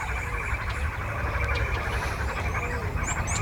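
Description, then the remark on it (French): A dense, steady chorus of chirping birds fills the air in the Jardin du Luxembourg, Paris, on an afternoon, with a few brighter, higher chirps standing out near the end over continuous outdoor ambience. “Vous nourrissiez les oiseaux, est-ce que les oiseaux dorment aussi?”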